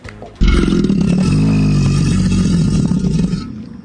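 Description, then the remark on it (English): An American alligator, which has no vocal cords, lets out a deep, loud roaring bellow, made by inhaling air and forcefully expelling it, that starts abruptly and rumbles steadily for about three seconds, with a growling, engine-like texture and no talking. “Okay, this is what it sounds like when an alligator roars.”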